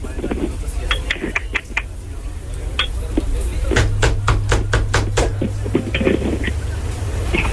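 Sharp, hard knocks rap on a door in quick bursts, a first flurry, a short pause, then a longer, steadier run of raps, over a constant low hum.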